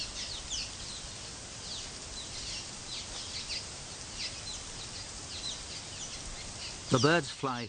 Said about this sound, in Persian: اینها از آبها گذشته و در صخره های عقب آن برای خود لانه میسازند. حتی با وجود اینکه کیلومترها صخره در خدمت آنها است، باز هم این پرندگان بالای یک جای خاص با هم درگیر می شوند.